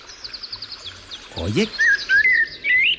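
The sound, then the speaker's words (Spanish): A blackbird sings: a quick run of high chirps, then fluting, warbling whistled phrases that rise and fall steadily over a soft outdoor background. “Hola, amigo Mirlo, ¿nos escuchas?”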